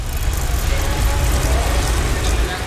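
Steady, loud low rumble of city street traffic in Ljubljana, Slovenia, heard while cycling, with car engines idling, a continuous murmur of vehicles that holds without pause, with faint mechanical ticking mixed in.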